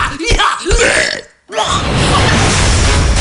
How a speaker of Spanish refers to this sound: ¡… tiene que comer! ¡Hay que sacarle los gases a …! ¿Quién me saca los gases a mí?